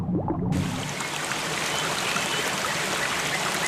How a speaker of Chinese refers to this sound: 山间小溪富含氧气和有机质，是许多昆虫鱼类的育儿所。